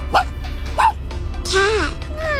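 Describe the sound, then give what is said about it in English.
A person imitates a tiny dog with two short, high yips followed by a longer, whiny yelp, delivered up close and fairly loud. “What about the tiny dog?”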